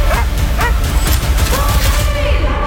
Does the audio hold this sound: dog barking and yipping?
yes